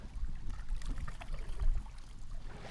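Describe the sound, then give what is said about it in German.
Water sloshing and splashing around a canoe on a river, with paddle strokes churning through choppy waves as the bow points into the waves, a steady watery rush with irregular surges. “Und eigentlich immer weiter paddeln, wenn, ja, die Welle kommt. Okay. Sonst dreht das Boot weg.”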